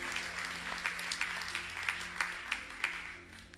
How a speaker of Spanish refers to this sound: ¿Cómo estuvo ese aplauso?